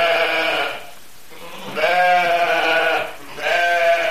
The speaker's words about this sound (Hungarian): Valami különleges ok folytán Kató néni konyhájába betévedett baribárány.